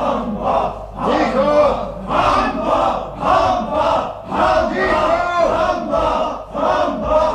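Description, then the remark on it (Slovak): Prisoners in a prison rioting, shouting and yelling at once in a loud, chaotic uproar, men's voices rising and falling in overlapping surges roughly every second with no pause. “Vyvádzajú a kričia, že sa už nedá s nimi vydržať.”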